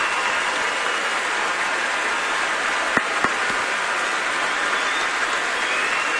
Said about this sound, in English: If we have any active or veteran military members with us tonight, if y'all are able to stand, we'd love to give you a round of applause and a big thank you for everything you've done for our country.